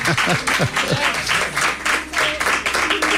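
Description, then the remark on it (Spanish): A burst of crowd applause, dense and steady, with cheering voices and whoops rising over the clapping throughout, applauding a guest. “Qué bien suenan esos aplausos, qué bien suenan.”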